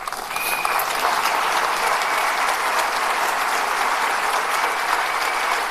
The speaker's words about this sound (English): Yeah, she deserves your applause.